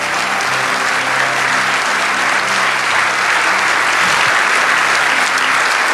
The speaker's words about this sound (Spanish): Si ese aplauso es para lo agradecido que estamos, dale ese aplauso. Gracias, Dios, por tu presencia.